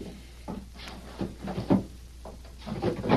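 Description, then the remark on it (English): The top drawer of a wooden chest slides open with a series of soft knocks and scrapes, followed by shuffling as a small cardboard box is lifted out, with no one talking. “look in that chest over there and bring me the small cardboard box that's in the top drawer.”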